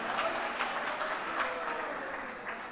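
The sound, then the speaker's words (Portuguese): An audience claps steadily for Jesus, many hands blending into a dense, continuous patter of applause with a few louder bursts, sustained throughout at moderate volume. “Mais forte as palmas para Jesus, oh glória a Deus, aleluia.”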